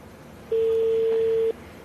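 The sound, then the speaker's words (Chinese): A single steady ringback tone from an unanswered call, made live on air, to the mobile phone of the former owners' committee chairman of Xiangmao Garden estate in Suzhou Industrial Park. One long pitched beep lasts about a second, clear and fairly loud over a faint background hiss, with no talking. “是手机但是我们现在目前还电话还未接通。”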